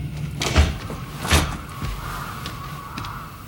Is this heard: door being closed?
yes